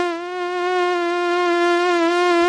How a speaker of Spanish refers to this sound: ¿Hartos de moscas y mosquitos?